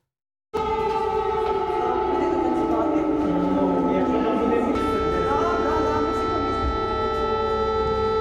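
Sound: air raid alarm siren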